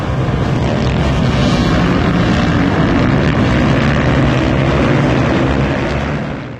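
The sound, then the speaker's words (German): Loud, steady roar of stunt motorcycle engines revving at Allstedt airfield during a gathering of motorcycle stunt riders, a dense sustained drone filling the whole stretch without pause, with some wind buffeting and no voices. “Letztes Wochenende wurde der Flugplatz Allstedt zum Treffpunkt für Motorrad-Stuntfahrer.”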